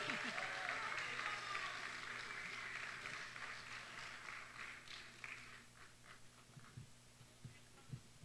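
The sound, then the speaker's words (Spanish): Steady audience applause for a singer at a song festival, a dense wash of clapping that holds strong for several seconds, then thins out into a few scattered claps before dying away. “Que se escuche ese aplauso, por favor, con ánimo.”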